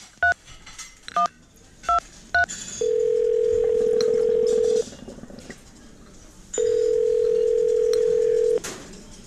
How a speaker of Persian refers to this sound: سلام آقا، من میتونم یه تلفن بزنم؟ آره آره میتونی، بیا از این تلفن شماره تو بگیر.